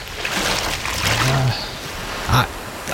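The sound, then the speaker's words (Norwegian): Steady rushing of the flowing water of the Glomma river (Vesterelva) fills the scene, continuous, with a brief splashing disturbance near the end as a toe dips into the current. “La oss stikke tåa nede i Glomma her nå.”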